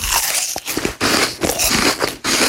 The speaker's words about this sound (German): Und dieses unerträglich laute Schmatzen, wenn er seinen Apfel isst.